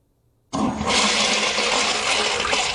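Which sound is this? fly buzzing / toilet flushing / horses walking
toilet flushing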